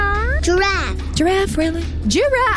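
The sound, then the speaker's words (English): A voice imitates a cat, giving about three drawn-out, rising-and-falling meows in quick succession, loud, with a low background hum underneath. “Dog. Cat.”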